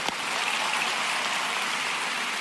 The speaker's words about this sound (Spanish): Y denle un aplauso fuerte, fuerte al Señor. Vamos, más fuerte.